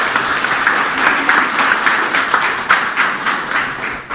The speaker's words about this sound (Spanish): Bien fuerte los aplausos, por favor.